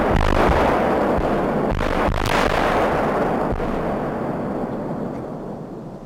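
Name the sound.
controlled bomb detonation explosion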